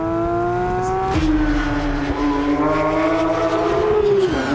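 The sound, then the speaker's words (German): A Porsche sports car's combustion engine is started and revs up loudly, its harmonic whine climbing and holding before dropping off near the end, with no talking over it. “Mein Freund, der einen Porsche hat, gebeten, den nur für mich anzumachen, weil ich finde, dass das so wahnsinnig gut klingt.”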